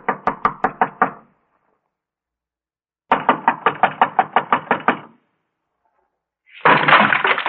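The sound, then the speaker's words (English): Police pound on a door in two bursts of loud, rapid knocking, about half a dozen heavy knocks, a pause, then a longer run of urgent knocks, followed by a rough burst of noise. “Come on, come on. Open the door. This is the police.”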